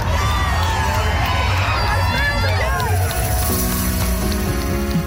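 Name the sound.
parade crowd cheering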